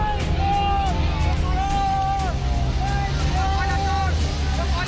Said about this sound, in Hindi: इस मुलाकात के बाद अभिषेक बनर्जी बाहर आते हैं। उनके खिलाफ नारेबाजी तेज हो जाती है।